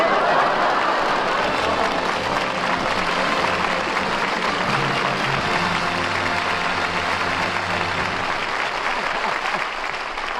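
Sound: studio audience applause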